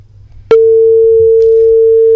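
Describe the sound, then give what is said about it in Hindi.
A loud, steady telephone busy tone from a radio listener's call that failed to connect cuts in after half a second of faint background noise and holds unbroken to the end, with no one speaking. “Doctor साहब, phone किसी कारण से लग नहीं पाया है श्रोता का हमारे पास।”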